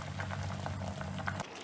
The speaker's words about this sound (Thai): คุณผู้ชมเราล้างน้ำนิดหน่อยให้เค็มออกเทน้ำออกนะคะเอาแต่ผักไว